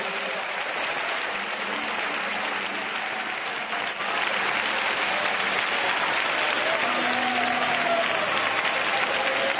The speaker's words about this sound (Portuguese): Vamos, pode bater palmas e louvar o nome do Senhor.